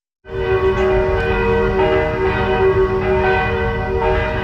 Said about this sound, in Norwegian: blant annet en video hvor man kunne høre kirkeklokkene.